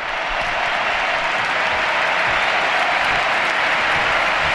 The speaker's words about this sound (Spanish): Mira, escuchad el Camp Nou, Dani, la ovación a Alexia Putellas.